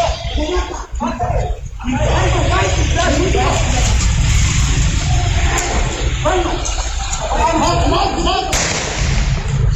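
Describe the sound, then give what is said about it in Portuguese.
Agitated voices talk and shout over a muffled, noisy security-camera recording of a crime, a criminal shouting "kill him", then a single sharp, loud gunshot cracks out near the end, hitting a man in the neck after a physical struggle. “Bom, tá então esse circuito até o momento do disparo.”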